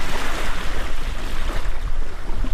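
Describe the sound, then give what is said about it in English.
A boat comes ashore through steady, loud surf on the coastal plain of the refuge, with rushing waves and gusty wind buffeting the microphone throughout. No one speaks. “tells us to hop out while he secures the boat.”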